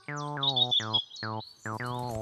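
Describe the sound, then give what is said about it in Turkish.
A blackbird, a migratory bird, calls in a run of clear, bright chirping notes, several quick phrases with brief gaps between them, fairly loud with no one talking. “O bir kara tavuktu çocuklar.”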